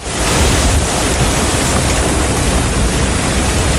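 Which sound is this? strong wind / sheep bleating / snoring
strong wind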